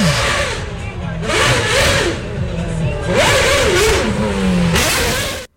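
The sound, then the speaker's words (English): The Formula One race car engine of driver Patrick Friesacker revs hard in repeated surges, its whining pitch climbing and dropping several times, loud, before cutting off abruptly. “And listen to what his car sounded like.”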